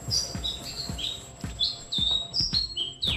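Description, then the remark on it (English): Chatham Island black robin song: a run of short, clear, high whistled notes repeated every half second or so, bright, over soft low thumps and background rumble, with no voices. “The Karure Black Robin's been named Bird of the Year for the first time.”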